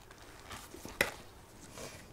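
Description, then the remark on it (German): Quiet handling of adhesive tape as it is put on the end of something tightly wrapped, a soft rustling crinkle with one sharp snap midway and another crisp tick at the very end; no one speaks. “Noch etwas Klebeband ans Ende.”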